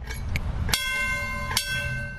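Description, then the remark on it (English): A trolley bell clangs twice, sharp bright strikes with long ringing overtones, over a low rumbling background of a moving vehicle; a couple of lighter taps come just before. “I like the ring the bell, too.”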